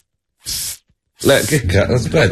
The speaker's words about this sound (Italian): Come fa lo spray?